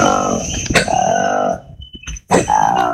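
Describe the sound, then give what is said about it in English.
Harsh, raspy roars of a colobus monkey in the rainforest come in two loud bursts separated by a short pause, with faint high insect-like tones and a thin whistle filling the gap. “We call it the roar of the colobus. It's a really distinct sound in the rainforest.”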